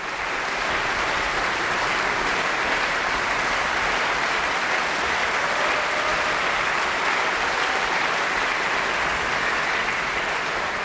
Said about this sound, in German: Mit einem klangprächtigen Finale und triumphierendem Jubel endet Peter Tschaikowskis 5. Sinfonie, die sogenannte Schicksalssinfonie. Und Jubelrufe hat das Publikum auch für das Mahler Chamber Orchestra und den Dirigenten Maxim Jemeljanitschew bereit.